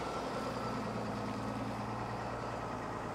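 A converted container stacker runs with a steady, deep diesel engine rumble, a constant low droning hum with a rough grinding texture and no pauses or voices.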